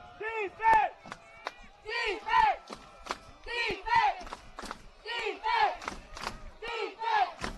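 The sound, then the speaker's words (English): A large American football stadium crowd chants and roars in a steady repeating rhythm during a big third down, trying to get everybody involved, rising in loud bursts roughly every one and a half seconds, with many voices blending together. “Crowd trying to get everybody involved.”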